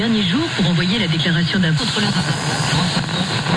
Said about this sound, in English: Interference from the police band or sunspots.